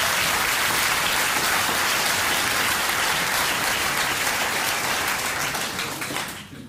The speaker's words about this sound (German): Ja, könnt ihr gern klatschen.